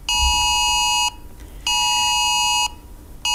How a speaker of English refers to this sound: It was the government's severe alert sent to every mobile phone that had signal in England and Wales, warning of the dangers of wildfires, telling people not to use disposable barbecues or fireworks.